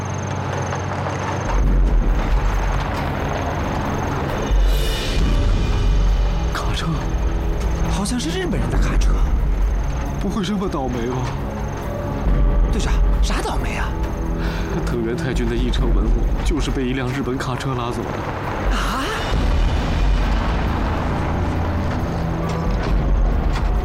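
A heavy truck engine, apparently a Japanese truck, rumbles loudly and steadily, a deep droning growl that holds for the whole stretch with some clattering and shifting noise layered on top.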